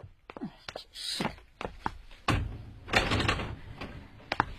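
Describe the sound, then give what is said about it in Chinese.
A house door is unlatched and swung open after a knock, with a series of sharp clicks, knocks and thuds, then a louder scraping thump as it moves; no one speaks. “敲煤气的，请你开开门啊。”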